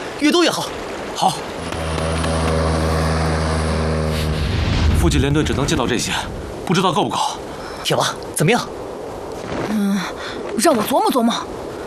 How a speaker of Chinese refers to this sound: 白子的飞机太猖狂了，该死的东西，给我下来！